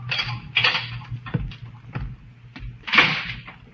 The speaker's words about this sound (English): Then footsteps sound in the corridor. The door opens.